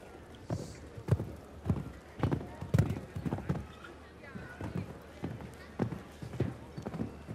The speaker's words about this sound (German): Der gebürtige Bayouvare, jetzt mit Lady Concern de Residal. Pferd mit hoher, also schneller Galoppfrequenz.